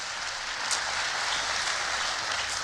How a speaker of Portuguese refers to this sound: Pode dar uma salva de palmas forte, vai.